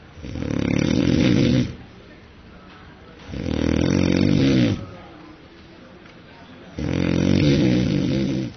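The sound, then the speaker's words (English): Loud human snoring: three long, rasping snores at a steady rhythm, with quieter breathing in the pauses between them and no other sounds. “Particularly noisy snoring there, and according to experts, sleeping next to a snorer could impact your health.”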